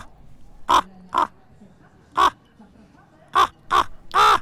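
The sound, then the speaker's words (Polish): A person imitates a crow at the third bird-imitation championships in Warsaw, giving six loud, hoarse caws in irregular spacing, the last one drawn out longer. The voice is clear, with quiet background between calls. “Zdamy relacje z trzecich mistrzostw w naśladowaniu ptaków.”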